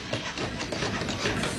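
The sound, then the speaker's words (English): Busy construction work by 64 hands building a house for the homeless: a dense, steady clatter of tools and banging that keeps up throughout, fairly loud, with no voices standing out. “64 hands building a house for the homeless.”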